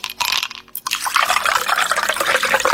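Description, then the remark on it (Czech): Cola is poured into a glass over ice, with a brief clink at the start and then a steady hiss of bubbling liquid for the rest of the pour. “Jer se čuje led dok točiš kolu u čašu kao na reklami.”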